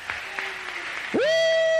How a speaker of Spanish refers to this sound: Dale un aplauso a Cristo, que Él es bueno, Él es bueno, Él es bueno.